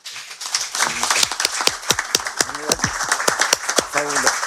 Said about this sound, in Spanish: Le aplaudo a mi padre.